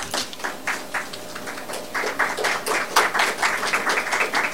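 A crowd in Barbados, at a gathering with representatives of the Antigua and Barbuda Tourist Board, applauds the minister for his words, a dense patter of many hands clapping at once, growing slightly fuller and louder toward the end with no voices over it.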